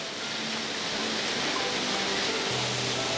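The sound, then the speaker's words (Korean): A waterfall, Okgye Falls in autumn, rushes steadily and loudly, a dense, constant roar of falling water filling the whole clip, with a faint low hum creeping in near the end. “가을인데도 이렇게 폭포가 있네.”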